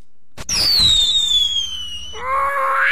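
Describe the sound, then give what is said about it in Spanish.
A firework rocket shrieks into the air with a loud, falling whistle over a rumbling blast, then a second rising whistle follows. The sound is sharp, with no voices. “Dice, oiga, tía, ¿no se asusta el siete vidas con los cohetes?”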